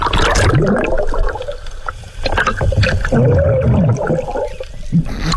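Muffled underwater ambience from a diver, with loud bubbling regulator breaths and a few sharp knocks as a sea turtle attacks and slaps the diver.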